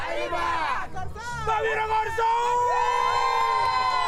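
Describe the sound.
A crowd of children of many nationalities cheers and shouts at a school World Cup football tournament on an island, high-pitched voices whooping and calling out together in a loud, continuous, excited din with rising and falling yells.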